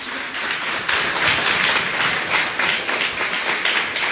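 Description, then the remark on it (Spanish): A small group of people clap steadily for about four seconds, producing a dense, irregular patter of sharp hand claps at a moderate level with no talking over it. “Por ahí escuché dos aplausos, los que entendieron.”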